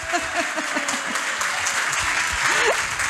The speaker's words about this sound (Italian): Ah, e auguri per il tuo matrimonio. Grazie. Facciamo un applauso, sta per sposarsi.